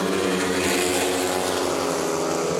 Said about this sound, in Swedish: Motorbrum från Ljungheden i Västervik, det är just nu ledning för Matthias Czernak, en av lejonförarna som kamperar ihop med landsmannen Robert Schmil som har det desto kärvare just nu, 3-3 läge halvvägs in i heatet.